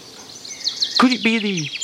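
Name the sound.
bird song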